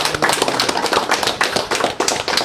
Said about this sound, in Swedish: Ska vi ge varandra en applåd allihopa? Verkligen, tack så mycket.